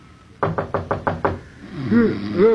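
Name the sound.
knocking on a door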